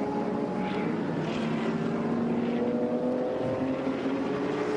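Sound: race car engine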